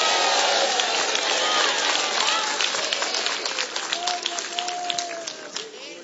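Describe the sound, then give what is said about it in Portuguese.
A Pentecostal audience at a church service raises hands, cheers and makes noise, a dense, steady roar of many overlapping voices with high shouts and scattered claps, tapering slightly toward the end. “Quem acredita nisso, levanta a mão e faz barulho de um povo pentecostal.”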